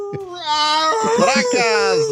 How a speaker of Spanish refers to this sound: Están aullando los perros por acá.